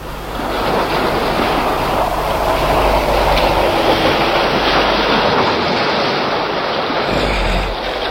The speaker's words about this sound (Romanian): În ziua de 4 ianuarie, Nautilus naviga încercând să pătrundă în Oceanul Indian prin periculoasa strâmtoare de Torres. Profesorul Aronnax privea de pe puntea submarinului, împreună cu Ned Land și Conseil, valurile care se izbeau cu furie de stânci.